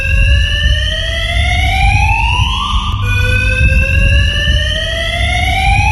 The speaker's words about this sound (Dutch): Ja, dat zorgt natuurlijk voor heel veel lawaai, dus daar lig je dan wakker van. Dat is niet fijn. Nou, de gemeente die beheert die garage en die zegt dat het komt door hangjongeren die het brandalarm laten afgaan.